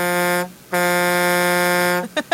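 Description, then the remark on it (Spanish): A truck horn blares in two long, steady blasts with a low, buzzy, brassy tone, then gives two quick short toots at the end. Loud and alone, with no talking. “Ese es de camión,”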